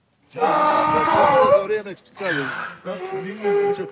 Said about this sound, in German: So klingt ein Esel, wenn er Hunger hat. Und Darko Savilic hat rund 80 davon auf seiner Eselfarm im Dorf Martinici in den Hügeln rund 20 Kilometer nördlich der montenegrinischen Hauptstadt Podgorica. Es ist Fütterungszeit.